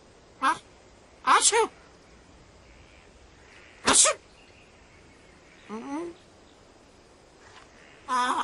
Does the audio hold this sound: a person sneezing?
yes